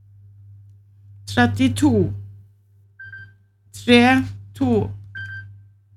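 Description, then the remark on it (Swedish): A telephone rings with two short electronic tones during a bingo game, each sounding in a pause between bursts of Swedish speech calling out bingo numbers, over a steady low hum. “Det ringer, vem kan det vara?”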